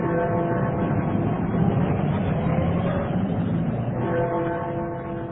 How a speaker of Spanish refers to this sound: El Hotel Piccadilly, situado a escasos metros de la Plaza Piccadilly, lugar famoso por sus teatros y cines, donde los motores de autos llenan de extraño concierto bajo el ritmo que marcan los policías de tránsito.